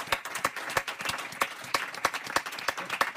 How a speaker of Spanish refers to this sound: Un aplauso, moitas grazas, gracias, para o Ícaro. Grazas.